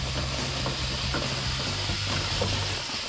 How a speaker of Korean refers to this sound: 에어컨 내부도 같은 방식으로 고압 세척기를 이용해 묵은 때를 싹 벗겨냅니다.